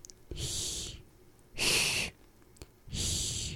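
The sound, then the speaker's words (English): In a language lesson, a voice demonstrates the h sound of the letter hya, making three breathy, hissing h sounds in a slow, even rhythm, each about half a second long with a short pause between, likened to a cat's hiss. “Often said and compared to that of a cat hissing.”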